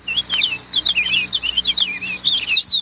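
Birds sing brightly on a June morning in a steady stream of high, warbling chirps and whistled trills, fairly loud, with a faint continuous high tone in the background and no voices.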